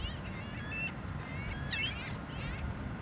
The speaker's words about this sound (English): This is WSHU's Birdsong Break, and we couldn't let the summer go by without featuring this beach bird. It's the ring-billed gull this week.